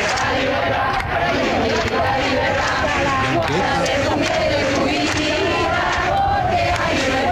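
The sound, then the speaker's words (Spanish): A large crowd at a demonstration against ETA in Madrid, ending at the Puerta del Sol on 14 July, roars and chants together in a dense, continuous wall of voices, loud and steady throughout with rising shouts layered over the massed noise. “El 14 de julio, la manifestación convocada en Madrid terminó en ese punto.”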